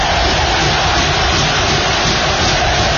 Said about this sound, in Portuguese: Tem a torcida aí, ó.